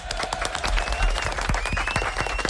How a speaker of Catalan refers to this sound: Molt bé, un aplaudiment.